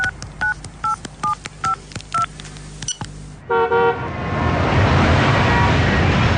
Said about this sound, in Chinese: 他拿出手机，打开，拨打了一个他熟悉的号码。